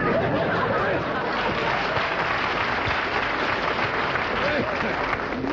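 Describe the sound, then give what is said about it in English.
Sustained applause from a large audience, a dense steady wash of clapping lasting several seconds, fairly loud, with faint crowd murmur mixed in. “They're either applauding, hoping we are dying, or they're like that last joke.”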